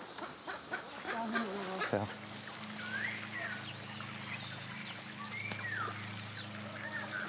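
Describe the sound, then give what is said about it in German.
A weakened, lame stork gives several strained, honking calls as it is caught in a thicket and held by the neck, after a burst of rustling and scuffling at the start, with a steady low drone underneath. “Nils fängt im Dickicht die Fußlahme Luise und hält ihren Hals. Dagmar übernimmt den geschwächten Vogel.”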